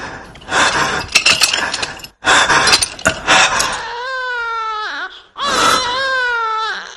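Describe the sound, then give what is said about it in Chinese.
A few seconds of harsh clattering, crashing noise give way to an infant crying loudly, two strained, wavering wails with a brief gasp between them, coming from the direction of a prison. “是婴儿的啼哭声吗？还是我的幻觉？不，是监狱那边的声音。怎么会有婴儿？”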